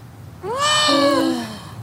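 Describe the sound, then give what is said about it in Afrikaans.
A stray cat and her whole litter of kittens meowing under a blanket in a bus: a drawn-out, clear meow, overlapped by a second, lower-pitched meow, lasting about a second with no talking. “Hele werpsel kleintjies in die bus.”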